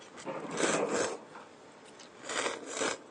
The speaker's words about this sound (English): By slurping, you're eating not just the noodles, but also the, you know, the soup that comes with it. And that's the purpose of slurping.